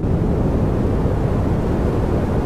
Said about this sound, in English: That's pink noise. Why is that categorised as pink? I'll tell you. Deeper and more natural sounding than white, with more energy and lower frequencies, shown to improve sleep quality and memory consolidation.